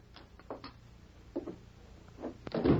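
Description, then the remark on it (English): A door opens and closes as a visitor who knocked is let in: a few soft clicks and light knocks from the latch and handle, then a duller thump as it shuts. Quiet throughout, with no one speaking. “when a knock disturbed his breakfast, he didn't get up to open the door.”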